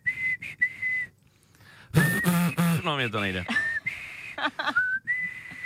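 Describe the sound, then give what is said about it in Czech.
Someone whistles a series of clear, sustained notes at a steady moderate volume, breaking off briefly while people talk and laugh in the middle, then resuming the tune. “Ty vado, tak já jsem se při pátku dozvěděl, že tady umí lidi pískat.”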